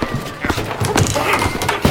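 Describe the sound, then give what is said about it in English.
A series of hard, hollow thuds and clanks from someone kicking a dishwasher, irregularly spaced and moderately loud, ending with a sharper bang. “kicking it won't help.”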